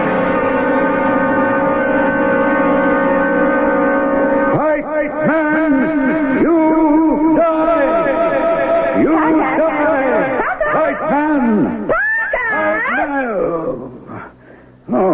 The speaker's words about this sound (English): Oh, just fussing around with the tape deck. Pretty near got it all set up now. That was the reverb you were hearing.